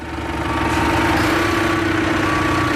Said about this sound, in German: Konzentriert fährt Alexi Korfage rückwärts mit einem Trecker an eine Maschine heran